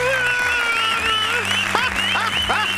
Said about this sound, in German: Ist das nicht mega? Applaus, Applaus!